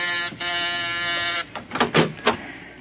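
household object, door being opened

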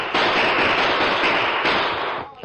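impact, gunshot

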